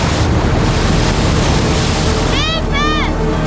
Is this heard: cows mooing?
no